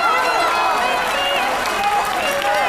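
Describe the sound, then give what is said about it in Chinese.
A theatre audience applauding a Peking opera performance of Yu Tang Chun in a steady, loud, unbroken wash of clapping, with voices and cheers mixed into the crowd noise throughout. “你能够听出这种掌声的这种长时间给予你的一种支持和鼓励，很感动。”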